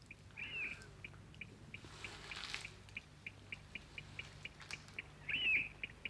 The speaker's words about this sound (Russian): Соловей, слышишь? Угу. Поет, как будто нет кругом никакой войны.